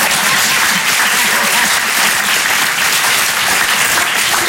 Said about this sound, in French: Juste après, oui, vous pouvez applaudir, mais tous en même temps, voilà.